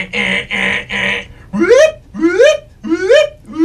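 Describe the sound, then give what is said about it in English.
A voice imitates a car alarm: three steady, buzzy honks in a row, followed by four quick rising whoops, loud and with no other sound. “The kids are saying that your car alarm is going off.”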